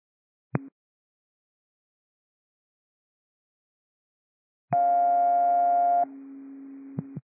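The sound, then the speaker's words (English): A brief click, then a loud, steady electronic radio dispatch cancellation tone for a fall call holds for over a second before dropping to a quieter lower tone, ending in a couple of sharp clicks, with no voices. “327, these are cancellation tones for the Delta Fall.”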